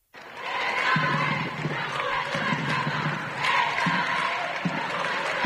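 A small crowd of families and children waving Vatican flags cheers and claps for the Pope at the airport's State pavilion, in a steady, lively wash of noise, with scattered shouts and voices mixed in throughout, moderately loud.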